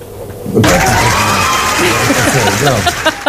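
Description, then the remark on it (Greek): A dense crowd of AEK football fans erupts into loud shouting and cheering after a brief quiet moment, as AEK clinch the league championship with a 2-1 comeback win over Panathinaikos, many voices overlapping in a sustained roar with chant-like bursts, energetic. “Έχουν μπει εδώ εκτζίδες, φωνάζανε.”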